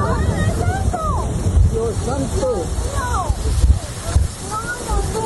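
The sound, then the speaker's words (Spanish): Roaring, buffeting wind from a strong windstorm in Guabinas rushes over the microphone in heavy gusts as trees fall, with people talking and exclaiming throughout over the constant low rumble. “En YouTube, en Mi Tropicana TV, el fuerte vendaval el día de ayer.”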